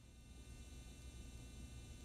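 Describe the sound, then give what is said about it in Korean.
A faint, steady hum from a running broadcast camera, with thin high-pitched tonal whines layered over it that sound like crickets. It is unbroken for about two seconds, with no one speaking. “기계 돌아가는 소리가 평소에는 그냥 백색 소음처럼 들리다가 지금 사연 듣고 나니까 귀뚜라미 소리처럼 들려요.”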